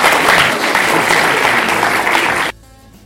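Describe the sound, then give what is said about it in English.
A crowd applauds the panelists of the Radio Baraza programme Deliberations steadily for about two and a half seconds, a loud, dense wash of clapping that stops abruptly, leaving only faint background hum. “Let's clap for the panelists, please.”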